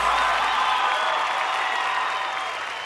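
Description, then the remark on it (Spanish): An audience applauds steadily during an afternoon music performance in Colorado, a dense wash of clapping at an even, fairly loud level that eases slightly toward the end, with no one speaking over it. “Gracias, muy amables, por los aplausos a toda la gente que se ocupa esta tarde.”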